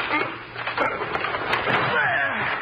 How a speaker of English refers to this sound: The door's locked. He must be in there, but there's no sound in there now. Well, we've got to break the door down. Yes. Put your shoulder beside mine.